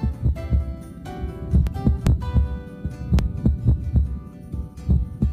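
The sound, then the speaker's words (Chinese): A heartbeat heard up close as dull, low thumps, with some beats arriving early and breaking the otherwise steady rhythm, like premature beats. No voices, just faint background hum. “正常心跳之间出现提前跳动的疑似心跳，可能是心脏早搏。”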